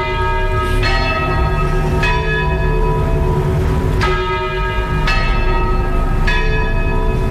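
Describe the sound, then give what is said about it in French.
Church bells ring loudly near the basilica in the centre of Beaune, several strikes overlapping in a steady, unhurried peal with long shimmering tones that keep humming between hits. No voices are heard. “Elle accueille une cloche avec le son des cloches.”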